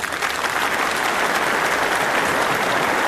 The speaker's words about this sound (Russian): Аплодисменты начались, вероятно, только через одну минуту, и были они какими-то сдержанными, я бы сказал, гордыми аплодисментами.